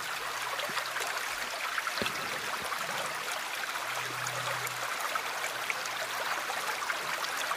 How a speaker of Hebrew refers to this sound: אז נתחיל ככה שלנו נעים באיזשהו צילים של מים, בסך הכל אנחנו 70-80% מים, והצילים ככה מעדדים במים הרבה יותר טוב. אז הנה לנו קצת נחל.